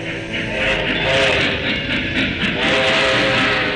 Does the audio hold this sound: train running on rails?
yes